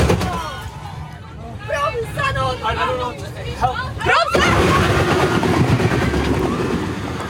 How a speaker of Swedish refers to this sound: Ja, det där gör det ju faktiskt inte rättvisad, för det är än värre när man ser det. Men det där när det är ju när bussen kör in i de här vajerräcket. Det måste ha varit lite av en våt dröm för Trafikverket att se att de funkar.